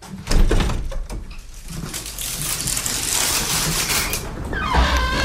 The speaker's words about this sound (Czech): Tak, velmi opatrně otevíráme dveře voliéry.